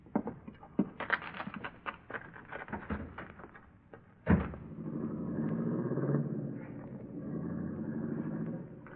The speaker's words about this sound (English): Let's get in the car and scram.